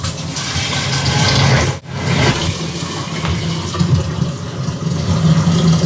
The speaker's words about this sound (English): Next, I have to fill it up to the black line inside with hot water. So let's get that done.